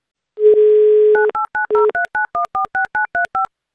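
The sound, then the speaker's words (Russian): A telephone line's steady dial tone, followed by a quick run of about a dozen short, evenly spaced keypad beeps as Avtoradio dials a listener in Tomsk Oblast for a radio prize game. The tones are clear and loud, with no voices. “Давайте звоните в Томскую область.”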